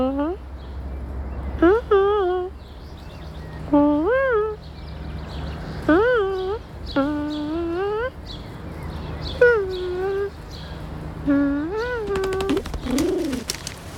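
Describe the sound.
A voice imitates pigeon cooing: about seven close, soft coos with a bending rise-and-fall pitch, spaced at a slow, even pace over quiet background noise.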